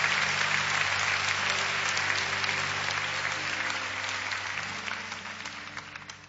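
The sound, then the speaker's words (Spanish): An audience applauds the Lord during a church service, a dense wash of many hands clapping that holds for several seconds and gradually fades a little toward the end, with a low hum underneath and no one speaking. “Si quiere aplaudir al Señor, puede hacerlo en esta hora.”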